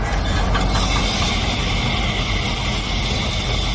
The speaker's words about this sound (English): The loud part is definitely the bottles, like the bottles being dumped from a dump truck. That's really loud. And then scooping the bottles from like the ground into the hopper.